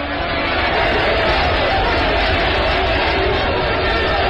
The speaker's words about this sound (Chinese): 女特务被押了过来，工人群众怒吼的围上来，要抓他打他。